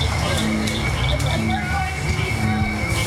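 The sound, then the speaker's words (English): A dense night chorus of frogs, including cricket frogs, bullfrogs and bird-voiced tree frogs, with overlapping trills and croaks pulsing in short repeated bursts over a steady hum of calls, filling the background continuously. “As the sky turns dark and the barely worn path is lit up by headlamps, more and more frogs start to sing.”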